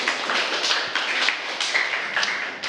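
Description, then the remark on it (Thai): A classroom of students claps together for a group that presented on the topic of clean school desks, a steady, crackling patter of many hands that holds at an even loudness for a few seconds, with no voices heard. “โต๊ะเรียน ตั้งชื่อหัวข้อโต๊ะเรียนไว้ว่า โต๊ะเรียนสะอาดสมองปลอดโปร่งครับ โต๊ะเรียนสะอาดสมองปลอดโปร่งขอเสียงปรบมือให้กับกลุ่มนี้ด้วยค่ะ”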